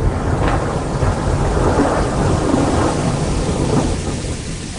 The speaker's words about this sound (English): Thunder growls. Growls. Through glistening teeth. Exploring sonic seascapes. 1 low rumble.